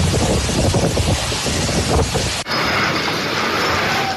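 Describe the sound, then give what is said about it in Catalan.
Loud, roaring storm wind with gusts of up to 149 km per hour, accompanied by rain, in the municipality of Sumacàrcer in the Ribera Alta area of the Valencian Country, batters the microphone with constant rushing gusts, cutting abruptly into a second, slightly steadier stretch of howling wind noise. “La pluja va acompanyada de ratxes de vent de fins a 149 km per hora al municipi de Sumarcàsser, a la comarca de la Ribera Alta.”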